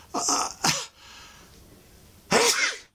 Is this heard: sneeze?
yes